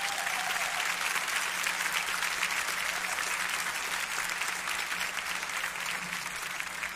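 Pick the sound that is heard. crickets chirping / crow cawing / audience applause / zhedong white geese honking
audience applause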